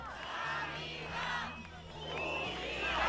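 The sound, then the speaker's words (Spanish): A large protest crowd of thousands, at the fifth major demonstration in defence of public healthcare, fills the streets of Madrid with a steady roar of many voices, rising and falling in waves of chanting and shouting, with a low rumble running underneath. “Es la quinta gran manifestación en defensa de la sanidad pública.”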